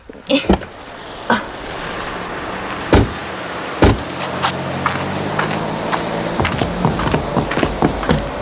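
A parked car with a low steady hum, broken by several sharp thunks and clicks of doors and handles as people climb out, with light rustling and shuffling close by.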